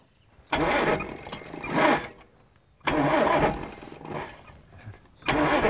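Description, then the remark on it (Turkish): A car engine, with its ignition timing set too far advanced, cranks in three loud, labored bursts, each turning over roughly and stumbling without catching cleanly, with brief pauses between attempts and no voices. “Ateşleme fazla avanslı.”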